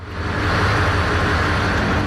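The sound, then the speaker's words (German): A steady, loud engine drone with a deep, pulsing low rumble and a broad wash of noise above it, continuous and unchanging, with no voices, heard on board the steamship Frisia 6 at sea, sailing to Jüß and Norderney. “So klingt ein richtiger Dampfer, oder Hauke?”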